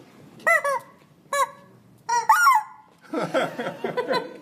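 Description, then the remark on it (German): A voice mimics chickens clucking: a few short, nasal squawks spaced apart, then a fast, busier run of clucks near the end, fairly loud. “Das sind Hühner, keine Enten.”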